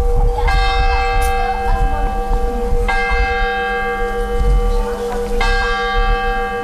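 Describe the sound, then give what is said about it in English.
The tower clock bell of St. Wenceslas Church on the main square in Mikulov tolls three slow, evenly spaced strokes, each a bright, resonant clang with a long shimmering decay, over a steady low rumble. “The tower clock of St. Wenceslas Church on the main square measures time that seems to have a different quality in Mikulov.”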